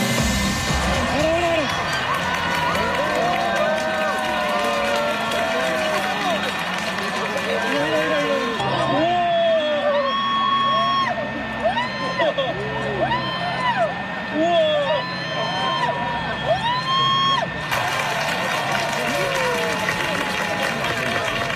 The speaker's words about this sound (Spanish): El sonido del eclipse en Vizcaya. Aplausos, gritos en las calles, en los montes, en las campas y en las playas del territorio. Aplausos y emoción durante el momento en el que la luna cubría totalmente el sol.